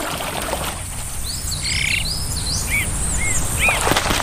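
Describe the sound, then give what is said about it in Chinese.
Azure-winged magpie calls: a scatter of short, bright, rising-and-falling chirps, several overlapping at first and then a few spaced single notes, over a steady hiss of background noise. No one speaks. “蓝尾灰喜鹊会表现出各种群体合作行为。”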